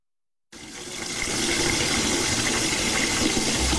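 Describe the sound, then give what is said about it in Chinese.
Water from a tap in a public toilet starts abruptly after a short silence and runs as a steady, full hissing gush to the end, with no voices. “这个时候，我们所要做的只是轻轻一拧。不过，在公共厕所，这点水我们还是别省了。”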